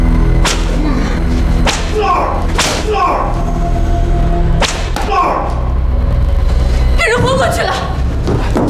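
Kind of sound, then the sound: impact, whip lashing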